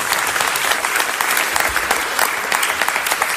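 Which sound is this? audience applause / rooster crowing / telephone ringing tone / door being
audience applause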